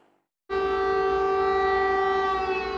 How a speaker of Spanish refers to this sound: Las sirenas avisaban de ataque aéreo, pero no de su magnitud.